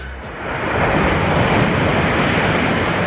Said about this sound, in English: That's waves lapping on the shore. No one. That was waves? Yeah. That's the worst sound effect ever.